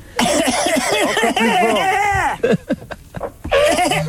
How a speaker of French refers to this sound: Je tousse. Tousse très fort.